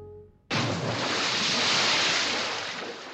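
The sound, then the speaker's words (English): Harbor water lapping against a cargo ship in Boston Harbor in 1774, in darkness: a steady, full rushing wash that starts abruptly after a brief pause and continues unbroken, with a faint windy edge and no voices. “Boston Harbor, 1774. Two figures huddle on the deck of a cargo ship, there in the darkness.”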